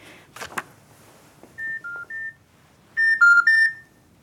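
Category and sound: household object, telephone keypad dialing tones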